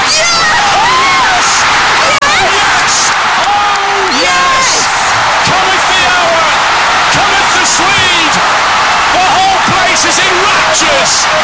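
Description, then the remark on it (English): A huge stadium crowd on its feet roars and cheers continuously, urging on an athlete during a world record, a dense, loud wall of voices with scattered shouts and whistles rising above the din throughout. “The crowd are on their feet. They're roaring him on.”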